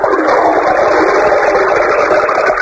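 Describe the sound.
A voice imitates a toilet flush: a loud, steady rushing whoosh held for nearly three seconds without a break, with no other talking.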